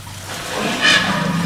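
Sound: elephant urinating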